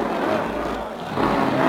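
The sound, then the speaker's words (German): A supercharged race car engine roars loudly and continuously for a couple of seconds as the car speeds around the Avus race track in Berlin, a dense, harsh mechanical rush that swells slightly toward the end, with a faint murmur of crowd noise mixed in. “Ah, wie der Wind rast er dahin. Jetzt hat er den Kompressor drin.”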